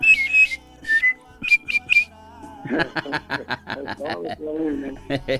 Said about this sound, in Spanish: Y un chifledito, pues, hay también de por ahí.